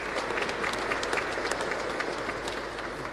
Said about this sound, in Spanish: Agradecer también a los niños de la etapa de catequesis familiar de comunión 1 y 2, a los padres de familia, a los animadores que nos ayudaron en la liturgia. Muchísimas gracias, excelente, felicitaciones, aplauso para los niños.